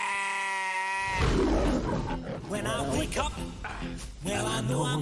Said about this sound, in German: Ich füttere sie gut, ich pflege sie gut und ich lese ihnen jeden Tag was vor. Spannende Krimis. Ich weiß, wer der Mörder war. Ich bilde mir gern ein, dass sie alles verstehen, aber sie sind ja nur Schafe.